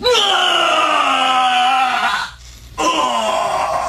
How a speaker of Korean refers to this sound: 어두운 밤에 울리는 비명소리가 그 일대에 소름이 끼치게 흐르고 있었다.